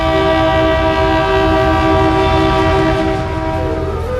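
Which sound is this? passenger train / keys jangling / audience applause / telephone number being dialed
passenger train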